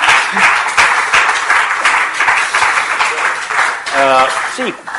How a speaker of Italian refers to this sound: Un applauso insieme a Bach.